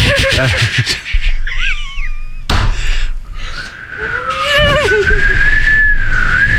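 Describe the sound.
A voice imitates wind whistling through a gap in a door that is not fully sealed, creating a wind duct in a hallway, producing wavering, sliding whistle tones in a few bursts, with a sharp thud midway and a longer rising-and-falling whistle at the end, fairly loud.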